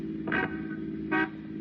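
A car engine drones steadily as a car drives off from in front of an apartment house, with two short horn toots about a second apart over the engine noise. No one speaks.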